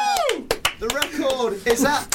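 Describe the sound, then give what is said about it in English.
A few scattered hand claps ring out for the winner of a marshmallow game amid loud, excited voices cheering and laughing, the claps sharp but sparse under the shouting. “A round of applause!”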